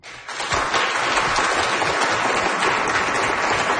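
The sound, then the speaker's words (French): An audience in a hall at a science bar evening at the Cœur des sciences of UQAM breaks into applause to show who has already been on a diet, a dense steady wash of many hands clapping that starts abruptly and holds at full loudness throughout, with no one speaking. “Par applaudissements dans la salle, qui a déjà suivi un régime?”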